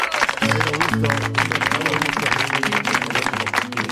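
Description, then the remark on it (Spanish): Audience applause welcoming guest Jerónimo Rauch on the show Vida y Obra: a steady, loud wash of clapping that fills the whole stretch, with sustained tones and voices running underneath it. “Jerónimo Rauch, vamos a aplaudirlo.”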